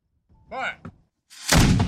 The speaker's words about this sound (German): Eine Kanone spuckt Feuer und Rauch, der Schuss hallt über den langgezogenen See.